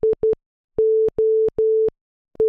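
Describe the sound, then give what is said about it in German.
A clean, steady electronic tone beeps out the Morse code for SOS: quick short pulses, then three long dashes, then short pulses again, loud with nothing else in the background. “Wäre zwar auch nicht, aber das ist der Morse-Code für SOS”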